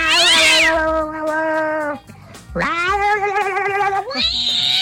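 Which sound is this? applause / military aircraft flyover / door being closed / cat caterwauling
cat caterwauling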